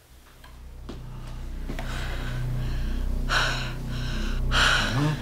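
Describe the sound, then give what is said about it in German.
A woman's heavy, labored gasping breaths, a few sharp ragged inhalations, rising in intensity over several seconds as she struggles for air, with no speech. “Ich hatte vorhin schon Probleme mit Atmen.”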